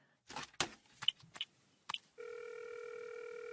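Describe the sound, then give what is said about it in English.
A phone call being placed: a quick run of clicks and handling clatter from a handset, then a steady, continuous electronic line tone humming on alone until the end. “Oh, yes, I know. I'll call her.”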